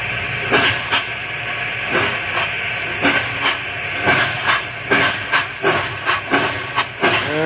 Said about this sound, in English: A locomotive can outrun a horse any day.